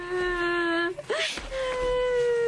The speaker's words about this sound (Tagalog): Oh, Heaven, anak! Bakit ka umiiyak?